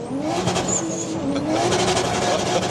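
A sports car engine roars loudly and steadily, its harmonic tones rising and shifting as it revs, with a high whine briefly cutting through the dense, unbroken growl.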